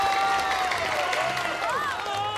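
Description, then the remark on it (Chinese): A large crowd of Shenzhen and Hong Kong residents at a Mid-Autumn Festival evening gala on Chung Ying Street claps and cheers for the performers continuously, a dense wash of applause with excited voices rising through it, steady and loud throughout. “谢谢大家热情的掌声。”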